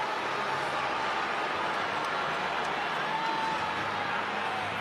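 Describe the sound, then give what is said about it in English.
A crowd booing at a White Sox baseball game on the south side, after a pitch hit batter Tristan Peters in the arm, in a steady, unbroken roar that holds at the same loud level for several seconds, with no clear voices rising above the wash of noise. “We haven't heard this much booing on the south side”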